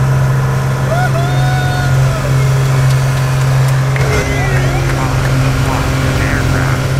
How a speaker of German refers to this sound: So hat es heute in einem kleinen Flugzeug in der Luft hoch über die Grenze getönt. Den drei Passagieren, die beim Rundflug dabei waren, hat es gefallen.